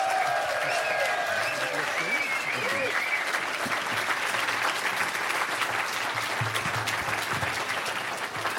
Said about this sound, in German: Bühne frei und nochmal einen großen Applaus für Horst Evers, bitte.